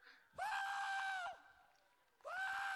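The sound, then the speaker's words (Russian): A loud, piercing eagle cry rings out, drawn out for about a second, pauses briefly, then a second shrill scream begins. No one speaks. “Он ловит волну ветра и начинает парить и кричать. И знаете, что означает этот его крик?”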